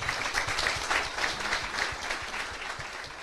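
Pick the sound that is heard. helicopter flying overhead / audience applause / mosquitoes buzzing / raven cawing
audience applause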